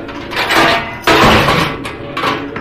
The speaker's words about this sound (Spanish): La hermosísima Greta Gari instintivamente se acerca a Calimán buscando su protección, mientras mira al hombre de la túnica negra que cierra violentamente la puerta.